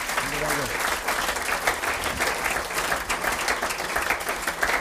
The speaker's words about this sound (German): Ja, Applaus. Genau, da gehört er jetzt her.